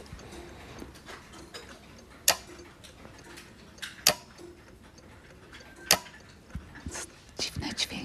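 A wind-up alarm clock ticks with faint, uneven clicks, and a few sharper, louder ticks stand out roughly every two seconds over a soft, steady background hiss.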